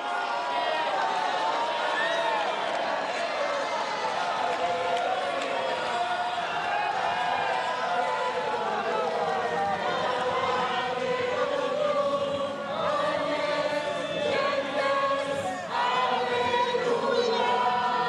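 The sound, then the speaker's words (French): A large crowd at Notre-Dame Cathedral in Paris cheers and shouts joyfully as Pope Leo XIV walks toward it after vespers, in a steady, dense, loud roar of many overlapping voices that carries on without a break, with some individual cries rising above the mass. “Et puis il va s'avancer vers la foule qui, évidemment, crie sa joie.”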